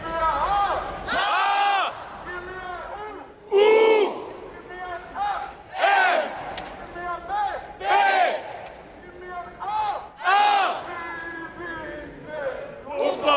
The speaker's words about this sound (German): Minden hat gegen den Tabellenletzten Leipzig verloren und deshalb bleibt Mittelhessen erstklassig. Nach dem Spiel haben die Spieler das zusammen mit den Fans in der Kurve gefeiert.